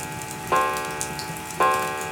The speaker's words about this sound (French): Mais seul le tic-tac de la pendule rythme le repas du soir.